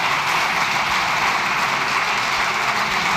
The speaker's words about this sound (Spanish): No es que estén aplaudiendo a Francina Armengol, porque puede, con mucha gracia siguen aplaudiendo, muchas gracias, no es a ella, es el Grupo Popular aplaudiendo a Núñez Feijóo.